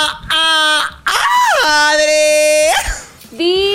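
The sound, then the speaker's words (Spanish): An excited scream: a series of loud, high-pitched shrieks, some long and drawn out, sliding up and down in pitch with brief gaps between them and no talking. “Amo ese grito porque sé que vamos a poder, ay, conversar delicioso, mi Cuéntamelo diva.”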